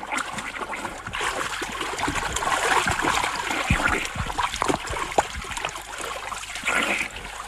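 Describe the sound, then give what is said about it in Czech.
Steady splashing and churning water as a person swims in a river toward a man in a small boat, with irregular slaps and gurgles over a continuous wash of moving water. “Už k vám plavu.”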